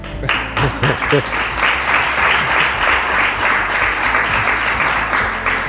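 A crowd applauds steadily, dense overlapping claps forming a loud, continuous wash of sound that holds for several seconds, with a few voices murmuring underneath at the start.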